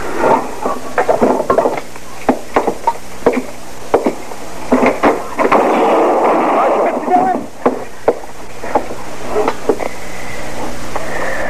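A burst of gunfire: a dozen or more sharp, cracking shots fired at irregular intervals, some in quick pairs, ringing out loudly over a constant hissing background.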